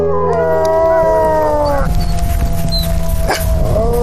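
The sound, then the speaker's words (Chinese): A wolf pack in mating season howls together on a snowfield in bitter cold wind at about -30°C, several long wavering voices overlapping and sliding in pitch, loud, with a brief sharper cry near the end. “此时气温已经降到了-30摄氏度，凛冽的寒风让发情的狼群更加躁动。”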